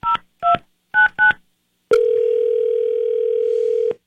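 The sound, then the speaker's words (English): Four quick touch-tone telephone beeps are dialed in an uneven rhythm, followed by a loud, steady telephone dial tone holding for about two seconds before cutting off. No voices. “So I'm going to go ahead and give him a call, see if he'll pick up the phone.”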